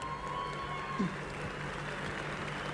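A steady wash of audience applause for a band member being introduced at a concert, dense and unbroken, with a faint tone and low hum beneath it.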